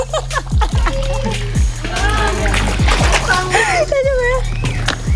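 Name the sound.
water splashing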